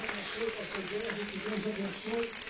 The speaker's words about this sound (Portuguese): Vamos receber o servo de Deus com palmas, bem forte, bem alegre.